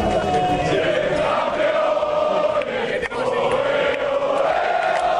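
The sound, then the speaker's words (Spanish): Players, the coaching staff and Royal Household workers clap and cheer together with the Spanish royal family, including Princess Leonor and Infanta Sofía, celebrating the national team's win in a dense, continuous, loud roar with overlapping shouting voices and no pauses. “Era el sonido de los jugadores, de todo el equipo técnico aplaudiendo y también trabajadores de la Casa Real.”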